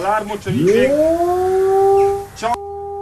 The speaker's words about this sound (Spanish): Esta preocupación ya tiene un sonido clave y son en sí las alarmas de ataque.